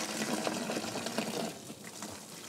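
A soap mixture of olive oil, soda, water and salt bubbles and churns steadily in a 3000-litre kettle at a soap factory, where it has boiled for two days, a dense, continuous gurgling wash that eases slightly toward the end, with no voices.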